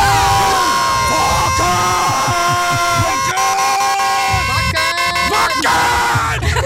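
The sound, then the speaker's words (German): A loud Wacken festival crowd cheers and shouts continuously, with blaring horn-like tones and sustained high-pitched notes over the roar, the whole thing used as the "Wackenwecker", an alarm ringtone loaded onto a smartphone. No clear speech stands out. “Tja, zum Beispiel der Wackenwecker. Einfach aufs Smartphone laden und ihr verschlaft keinen einzigen Tag mehr.”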